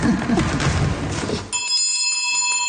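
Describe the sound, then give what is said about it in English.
An old school classroom bell is rung in the original grade 5 classroom, set up like a 1936 classroom: after a second or so of noisy rattling, a bright, high metallic ring rings out and hangs in the air, humming steadily to the end. “Does the bell work? The bell works.”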